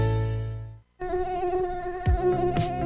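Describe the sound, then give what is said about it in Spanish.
An Aedes aegypti mosquito whines in a steady, high-pitched buzz that wavers slightly, following a brief lower drone and a short moment of silence. No one speaks. “¿Sabes quién transmite el virus dengue, zika y fiebre amarilla? El zancudo Aedes aegypti.”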